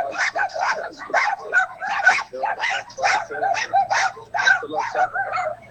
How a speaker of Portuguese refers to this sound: Cachorrada, olha lá, olha. O Menezes falou que isso aqui, ó, nada mais é do que cachorrada, né?